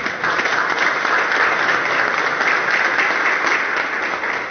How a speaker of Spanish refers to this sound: Un aplauso para él, por favor.